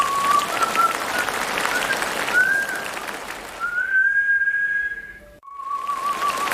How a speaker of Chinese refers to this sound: 我妈现在82岁。 老太太能吹口哨。